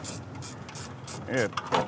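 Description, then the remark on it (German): A hoist or jack ratchets steadily as a heavy hydraulic block is let down, its metallic clicks repeating in an even rhythm, with a brief burst of voice near the end. “Kannst du den Hydraulikblock halten? Der kommt gleich nämlich runter hier.”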